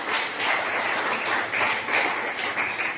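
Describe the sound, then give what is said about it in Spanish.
A crowd applauds the Lord during an evening sermon, steadily, a dense wash of many hands clapping at an even, fairly loud level throughout, with no voices standing out above it. “Dale fuerte el aplauso al Señor en esta noche.”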